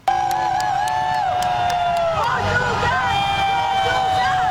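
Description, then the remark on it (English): The Team Portugal bus rumbles away from the downtown Delta Hotel in Toronto past dozens of fans lining the streets, steady engine drone beneath loud babble and cheering, with wavering horn-like tones and whistles sounding throughout. “This shows the Team Portugal bus leaving the downtown Delta Hotel.”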